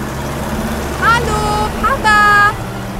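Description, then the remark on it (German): A tractor pulling a trailer loaded with two bicycles drives away toward a farm; its engine rumbles low and steady throughout, while two brief higher-pitched tonal calls rise over it partway through. “Der Bauer hat noch schnell die beiden Fahrräder auf den Anhänger gelegt und alle zusammen fuhren zum Bauernhof von Lisa.”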